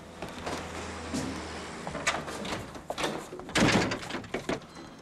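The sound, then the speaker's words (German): A door is pushed shut with a heavy thud, followed by a few sharp metallic clicks and rattles of a latch or lock as a man is locked in, with faint background noise. “Da habe ich ihn einfach eingesperrt.”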